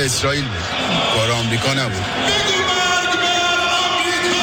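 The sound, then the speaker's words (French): A large crowd gathered under the imposing arch of the Mossala chants "death to America" in unison, loud rhythmic shouted phrases rising and falling, with many voices blending into a steady roar that continues throughout. “Pourtant, la marée humaine rassemblée ici sous l'imposante arche du Mossala crie bien « mort à l'Amérique ».”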